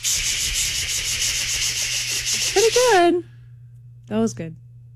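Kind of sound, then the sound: vocal imitation, voice imitating cicada buzzing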